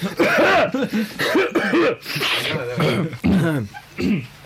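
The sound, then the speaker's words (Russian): A series of loud voiced coughs and throat-clearing grunts as people clear their throats on air before the first song, coming in quick repeated bursts with short pauses between them, filling several seconds. “Так, давайте откашляемся.”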